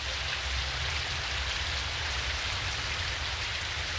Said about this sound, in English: His tears still fall today. We call them ua, rain.